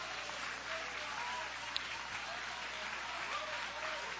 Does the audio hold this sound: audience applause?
yes